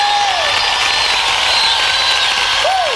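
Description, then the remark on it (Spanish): Loud, steady applause from a large audience in a stadium fills all three seconds, a dense wash of clapping with a few whistles sliding up and down over it. Nobody speaks. “Y quisiera escuchar ese aplauso fuerte.”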